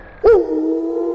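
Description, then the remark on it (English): A sudden burst opens into a steady, buzzy emergency-broadcast style test tone, a test of the Wolf Broadcasting System on radio station Classic Rock 96.7 The Wolf, that dips slightly in pitch at the start, then holds loud and unwavering to the end. “interrupt our regular programming for this test of the Classic Rock 96.7 The Wolf Broadcasting System.”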